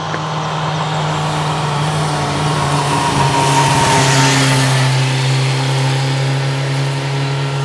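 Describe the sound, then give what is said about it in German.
A motorcycle engine drones and revs as it passes along a steeply climbing road that is a popular motorcycle route, swelling loudest midway and fading out, with a steady low hum throughout and no voices. “Eine beliebte Motorradstrecke ist es auch hier.”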